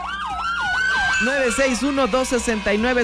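A loud police car siren cycles through rapid rising-and-falling sweeps, then shifts into a faster, choppier warble for the remaining few seconds.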